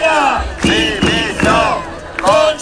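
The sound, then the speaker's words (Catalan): A union protest crowd outside the doors of the conselleria (regional government department) chants in loud, rhythmic unison, voices rising and falling in repeated shouted phrases about once every three-quarters of a second, forceful and continuous. “Mentrestant, fora, a les portes de conselleria, les mobilitzacions continuaven.”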